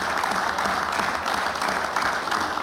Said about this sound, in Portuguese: Aplausos da bancada do PSD, do CDS e do PPM.